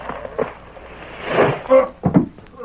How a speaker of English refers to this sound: What was that? Somebody fell down from overhead. I seen him. It was one of them boards stretched between the rafters, and it broke with his weight.